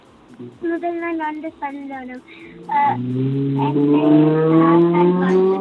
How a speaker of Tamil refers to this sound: So நீங்க கதைக்கிறதுக்கு முதல் அங்கால கார் கதைச்சிட்டு திரும்ப சொல்லுங்க, என்ன சொல்ல போறீங்க?